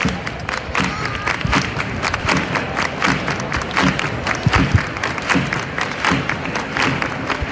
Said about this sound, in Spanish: Ahora las palmas al compás de la gente que está en la Plaza del Carmen.